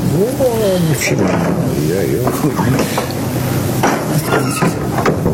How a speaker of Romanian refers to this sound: Liftul. Ce-ai uitat cum se trântesc ușile la noi în bloc?